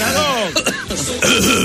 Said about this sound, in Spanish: Una tosecita más fuerte que no. Ahí está.